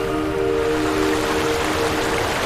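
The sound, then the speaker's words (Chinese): Water of a river in Xiangxi, China, flows steadily in a continuous, even rush, with a faint low hum running underneath, unchanging throughout, with no voices. “而湘西的水，你觉得它就在此时此地此刻。”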